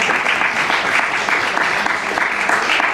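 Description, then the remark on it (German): Steady audience applause, a dense wash of many hands clapping at an even, fairly loud level for the full few seconds, with no voices rising above it. “Nein, die Frage verdient keinen Applaus, weil die Prämisse falsch ist.”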